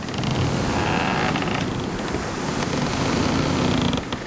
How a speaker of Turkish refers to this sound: Dalgalar sertleşmeye başladı.